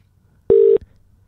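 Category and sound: signal or alarm, telephone dialing tones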